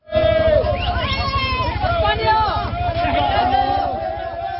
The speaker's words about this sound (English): Footage online showed migrants swimming or crammed into large dinghies crossing from Morocco. As they made it to land, many celebrated, shouting, Viva España, long live Spain.